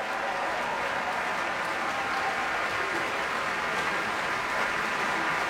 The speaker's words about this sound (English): Damari McGill back out on stage now, and much applause from the crowd here at Davies Symphony Hall and from the members of the San Francisco Symphony.